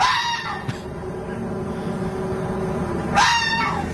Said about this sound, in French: D'ailleurs, la nuit, il y a un renard qui vient gueuler sous ma fenêtre. C'est insupportable, hein. Non, mais pour que vous vous rendiez compte, je l'ai enregistré la nuit dernière. Écoute, il est de nouveau là.